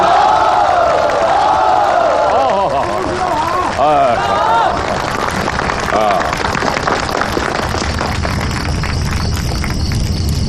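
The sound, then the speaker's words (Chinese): A large crowd of villagers and comrades cheers and shouts loudly, many voices overlapping, then dense clapping swells in and carries on steadily to the end, as division commander He Long comes to watch a play. “乡亲们、同志们，贺龙师长来看戏了，大家鼓掌。”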